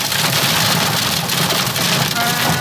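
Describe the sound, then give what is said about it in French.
Heavy thunderstorm rain pours down in Fouras, Charente-Maritime, France, in a dense, steady roaring hiss that stays loud and unbroken from start to finish. “Ici à Fouras, en Charente-Maritime, l'orage provoque la panique.”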